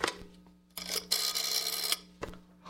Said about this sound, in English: I'll give 9B a ring first on the house phone.